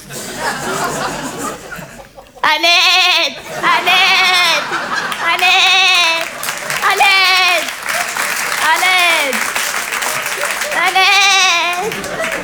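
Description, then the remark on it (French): A person imitates an Eid sheep, letting out six wavering, nasal bleats one after another, loud, over a busy background of crowd noise and what sounds like clapping. “Et je fais très bien le mime des animaux. Mon préféré, c'est le mouton de l'Aïd.”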